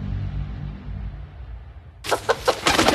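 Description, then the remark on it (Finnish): After two seconds of low, muffled rumble, a rooster suddenly bursts in loud with a quick series of sharp clucks and squawks, building into a harsher crowing call at the end. “Jaha, kukko saapuu paikalle ja pukeutuu punaiseen.”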